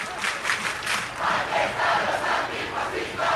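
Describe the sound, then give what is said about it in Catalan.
A large crowd at a protest camp chants an antifascist slogan in unison, voices rising and falling in steady rhythmic pulses, with clapping mixed in; loud, filling the space, just after a rain shower. “Tothom amb les mans en l'aire aplaudint aquests moments.”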